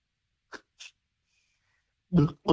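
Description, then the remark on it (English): A voice imitates a can being opened: two quick, faint clicky hisses, a brief pause, then two loud, breathy bursts that sound like gulps. No words are spoken. “your reverse secret sound is opening up a can.”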